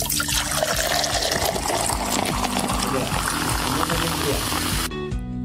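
A soft drink is opened and poured in a steady hissing stream for about five seconds, then cuts off abruptly, with a low background hum running underneath throughout.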